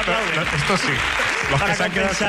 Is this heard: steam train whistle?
no